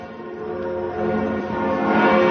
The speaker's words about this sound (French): C'était peu avant 10h et dans la foulée, partout en France, les cloches des églises et ici de la cathédrale Notre-Dame se sont mises à sonner avec déjà beaucoup de monde autour.